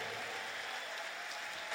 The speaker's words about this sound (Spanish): Ese aplauso para el Señor, fuerte.